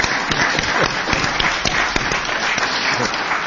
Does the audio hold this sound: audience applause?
yes